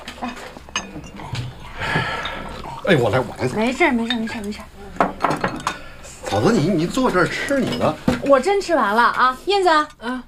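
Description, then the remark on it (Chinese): Bowls and chopsticks clatter on a table in scattered, sharp clinks, moderately loud, while several people talk over the tableware noise, as bowls and chopsticks are fetched for a guest at a family meal. “给叔拿碗筷啊。”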